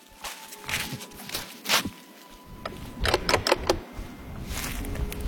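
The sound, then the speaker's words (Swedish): Footsteps crunch up an outdoor path on the island of Fjuk, from a stony beach toward a lighthouse on a hilltop, a steady series of uneven treads on gravel with a few quicker steps bunched together midway, over a faint background hum. “Jag promenerar upp längs med stigen för att ta en närmare titt.”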